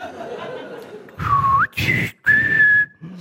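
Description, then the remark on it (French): A person whistles three short bird-like phrases imitating birdsong: a dipping tone that sweeps upward, a brief warble, then a long steady high note, with breathy noise and a hint of chuckling underneath. “Et comme je parle le langage des oiseaux, je vais le traiter de trou du cul.”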